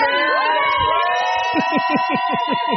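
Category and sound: crowd, fans cheering and shouting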